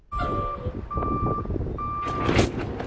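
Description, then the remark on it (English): A delivery truck's reversing beeper sounds three steady, evenly spaced tones over a rumbling engine, followed by a burst of clattering and hissing as workers roll boxes of inventory off the truck into a grocery store in Cody, Nebraska, on its weekly delivery day. “Once a week, workers roll boxes of inventory off a truck into the Circle C Market.”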